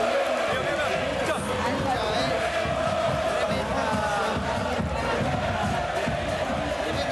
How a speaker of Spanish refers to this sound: Tremendo el clima acá. Está gritando toda la platea. Enardecida la platea.